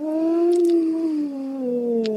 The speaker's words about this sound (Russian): Не бойтесь, они на вас не нападут, они сбиваются в стаи. Причем вот один волк потом подхватывает, второй, потом, слышишь, вдалеке отозвался. Это значит, одинокий сейчас к стае присоединится.